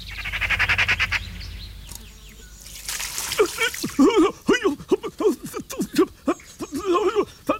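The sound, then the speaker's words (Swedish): A magpie gives a harsh, rapid rattling chatter for about a second as it flies toward a tree, shortly after sunrise. A brief noisy rustle follows, then a person starts talking. “Ja, där kommer skatan. Den flyger mot trädet.”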